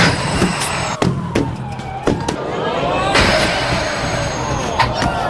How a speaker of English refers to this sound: You may have tried tin pin bowling before, but what about knocking over giant bowling pins with a tram?